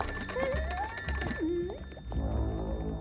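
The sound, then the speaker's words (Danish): A telephone rings with a steady, sustained bell-like tone that runs through the whole stretch, while a couple of rising, sliding vocal sounds pass over it. “Nej, hvor den ringer.”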